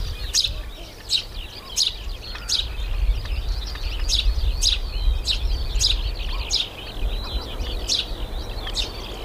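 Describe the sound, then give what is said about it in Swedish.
A lively outdoor chorus of birds at a lighthouse on a sunny, slightly windy day: small songbirds in the lighthouse garden, doves, a skylark up in the sky and shorebirds all around; sharp chirps repeating steadily every second or so over busy, overlapping twittering and song, with a low rumble of wind or surf underneath and no talking. “Och man hör både småfåglarna i fyrträdgården. Okej, duvor också. Lärkan uppe i skyn. Och så strandfåglarna liksom runt omkring.”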